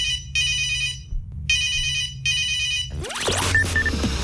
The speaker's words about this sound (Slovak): Hráme hity vášho života a pravda je taká, že vy ste tí prví, ktorí máte v rukách to, ako zareagujete na zvoniaci telefón.